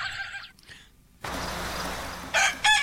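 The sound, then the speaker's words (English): A little red rooster crows outdoors in the morning, loud: a short call at the start, a stretch of breezy background hiss, then more strained, piercing crowing near the end. No one speaks. “Mrs. Kettle's little red rooster.”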